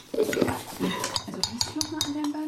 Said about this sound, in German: Die beiden ätherischen Öle tropft sie ganz vorsichtig in das Jojobaöl auf ihrem Löffel, bevor sie den Löffel dann in die Salz-Natron-Mischung gibt und umrührt.